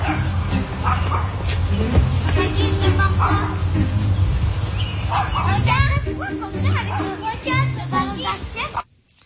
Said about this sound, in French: Qu'un chien qui jappe sans arrêt, mais sans arrêt de chez sans arrêt, là. On fait quoi que ça?